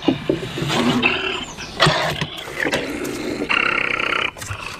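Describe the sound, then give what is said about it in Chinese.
A wild wolverine caught in a live-capture trap during field research growls and roars in harsh, raspy bursts, with loud snarling surges broken by brief pauses and a sustained throaty roar near the end, and no voices present. “是雕熊。”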